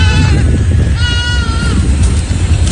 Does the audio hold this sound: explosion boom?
no